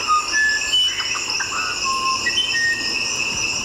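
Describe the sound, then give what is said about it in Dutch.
A musician wren sings an alternate melody: a few clear, drawn-out whistled notes in a slow, spaced phrase, set against a steady, dense chorus of crickets and insects buzzing throughout; no voices. “Ik heb nog meerdere soorten van een andere melodie van deze vogel.”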